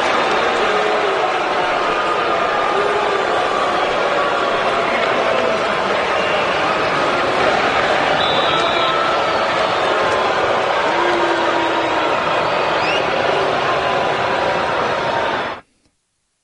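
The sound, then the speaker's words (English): A huge stadium crowd of fans at Hard Rock Stadium boos Tua Tagovailoa on his return after six seasons with the Dolphins, a dense, steady roar of many voices holding loud and unbroken for about fifteen seconds before cutting off abruptly. “After spending six seasons with the Dolphins, he made his return to Hard Rock Stadium tonight, And here is some of the reception that he received from the crowd.”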